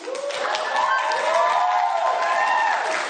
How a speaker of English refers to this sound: Meanwhile, there's a whole bunch of white people in the audience applauding her.